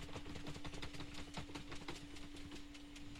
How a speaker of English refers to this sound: Can we get another drum roll? Let's get another little drum roll.